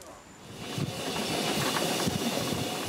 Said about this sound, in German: Im Tunnel hat sich der Zug in einer 360-Grad-Gleisschleife 16 Meter höher geschraubt.